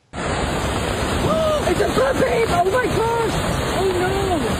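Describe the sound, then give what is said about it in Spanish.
A loud, steady roar of rushing floodwater never lets up, while people's voices rise and call out over the churning torrent. It is a flash flood after heavy rain in Zion National Park, Utah, with strong currents of water, mud and rocks coming down the park's canyons. “Autoridades cerraron carreteras, cancelaron las excursiones porque grandes corrientes de agua, lodo y rocas descendieron por los cañones del parque.”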